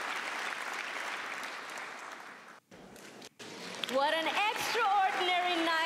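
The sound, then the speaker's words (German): Steady, dense applause from the audience for all participants at the Eurovision Young Musicians 2026 contest in Yerevan, briefly cut by two short gaps, then a voice begins speaking over the continuing clapping. “Ein Applaus für alle Teilnehmenden bei den Eurovision Young Musicians hier in Jerewan.”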